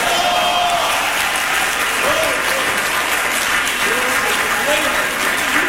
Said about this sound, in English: Clap your hands and say, praise the Lord.